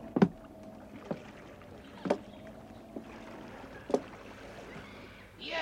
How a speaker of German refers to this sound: Die Männer kletterten in die Boote.